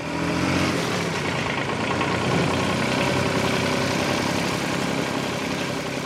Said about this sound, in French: Désolé, le tracteur, j'en ai fait.